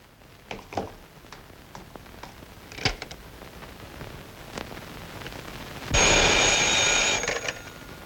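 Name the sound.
telephone ringing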